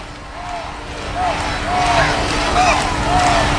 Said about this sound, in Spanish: se ha coreado mucho el nombre del rey, por cierto, Felipe, como se está coreando ahora